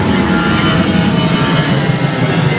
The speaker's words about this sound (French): C'est dur les avions, hein. Arrive, ma petite fille, elle n'arrive pas à dormir de la nuit. Ça, t'as eu du mal à dormir avec ça, hein. C'est insupportable.